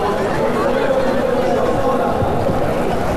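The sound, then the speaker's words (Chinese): A large crowd at the finish of a city sprint race cheers and chatters after a marriage proposal there, a dense, steady roar of many voices that stays loud and even for a few seconds with no single voice standing out. “怪不得是我们说现场的观众，这个欢呼声好像跟比赛的欢呼稍微有一些不一样， 节奏有一点变化， 对， 是不是？”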